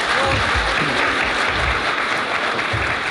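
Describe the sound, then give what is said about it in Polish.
A crowd claps loudly and steadily at a showcase performance, a dense, continuous wash of many hands applauding at once, with faint voices mixed into the noise. “Wielkie oklaski na tym przeglądzie nastąpiły.”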